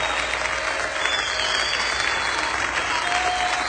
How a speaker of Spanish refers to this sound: Te aplaudimos a ti, Jesús. Alabanza y honor a ti, Señor.